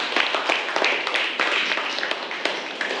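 Students in a class clap steadily for about three seconds for a classmate's answer, a dense patter of many hands with scattered sharper slaps, no voices over it.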